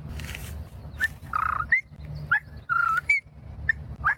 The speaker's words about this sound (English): Whippoorwill.